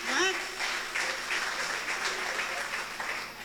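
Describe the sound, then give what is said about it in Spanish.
An audience breaks into sustained applause, a dense wash of many hands clapping at steady loudness for several seconds, with a brief voice at the start. “Fuertes aplausos, hermanos y hermanas.”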